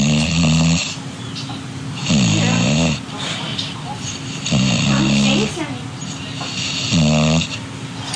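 A sleeping English bulldog named Smooch, resting on a person's foot, snores loudly, four heavy rasping snores repeating every two to three seconds, with quieter wheezy breathing between them; a TV is on and people talk in the background.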